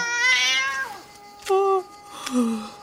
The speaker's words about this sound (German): Ich schwöre, diese Katze ist nicht normal.